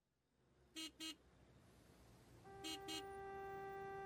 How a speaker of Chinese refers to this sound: S 城到了堵车高峰，小白被后面的车喇叭换回了神儿，好险，差点就追尾了。